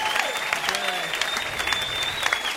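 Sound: audience round of applause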